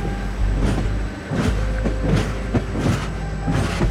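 The Lusitânia Expresso passenger train from Lisbon to Madrid rolls steadily along the rails at 8 at night on 25 November 1966, with a deep continuous rumble and periodic clattering bursts from the wheels passing over track joints.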